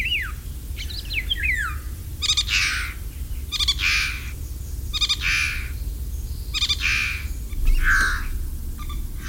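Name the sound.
eurasian golden oriole song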